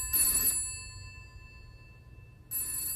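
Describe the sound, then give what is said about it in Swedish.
A home telephone bell rings in two short, metallic bursts separated by a pause of about two seconds, with a faint low hum underneath and no voices. “Men så en dag så ringer telefon hemma”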